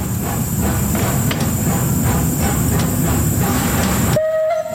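A steam tram, Lok 12, more than 130 years old, rumbles steadily along rails through the city of Bern with a dense, continuous mechanical roar and faint rhythmic clatter, loud, before a high whistle-like tone cuts in near the end.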